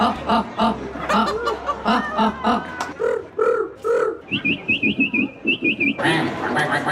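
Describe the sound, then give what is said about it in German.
A person mimics bird calls in a bird-call imitation contest at a street art festival in the old town of Landshut, Germany, with a rapid series of high, chirping whistles, while an audience chuckles and laughs throughout, the laughter swelling loudly near the end. “Da gab es am Wochenende zum allerersten Mal, Achtung, einen Vogelstimmen-Imitationswettbewerb.”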